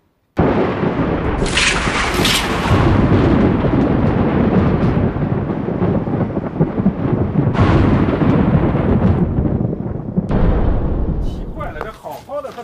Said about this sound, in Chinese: 打雷都能把这瓜震破了，放屁都能闪了腰，也太娇气了吧这。